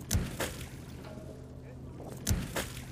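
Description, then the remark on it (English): A harvest boat's engine hums steadily on the sea at a seaweed farm as a rope is released so it can start harvesting, while two pairs of sharp knocks or splashes break through, one near the start and another near the end. “Then I just need to release this rope so the harvest boat can start harvesting.”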